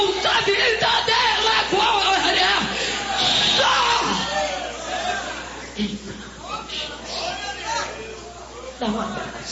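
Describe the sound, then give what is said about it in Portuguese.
An audience at a church service shouts and yells together at a preacher's call in a loud, continuous roar of overlapping voices, rising and falling in waves with scattered individual cries standing out. “Podem gritar quem?”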